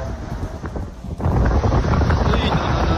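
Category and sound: nature, strong wind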